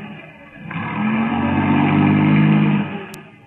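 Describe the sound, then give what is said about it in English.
Carl Fortune's car engine rumbles and revs up steadily as he comes home and pulls into a garage, holding a loud, droning pitch before cutting off abruptly, followed by a brief sharp click. “Sounds like Carl missed the garage slightly.”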